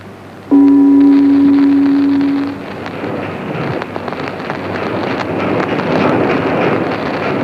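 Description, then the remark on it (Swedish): A boat travels south on open water toward Budapest, with wind rushing over the microphone; a steady horn-like tone sounds for about two seconds near the start, then a broad, churning wash of wind and water continues. “Nu är vi igen ombord på vår gemytliga båt och färdas mot söder.”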